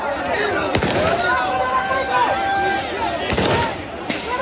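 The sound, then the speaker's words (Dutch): Several sharp warning shots crack out at irregular intervals, a lone one, then a quick pair, then another, over a steady din of shouting crowd voices, in the Spanish enclave of Ceuta as police move hundreds of migrants to a new shelter. “De situatie is gespannen en er zijn ook waarschuwingsschoten gelost.”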